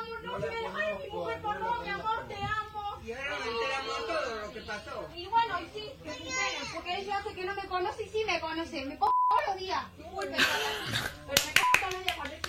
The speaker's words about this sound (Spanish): Hay una mujer dentro del colectivo negando a bajarse. Tremenda cachetada le pegó.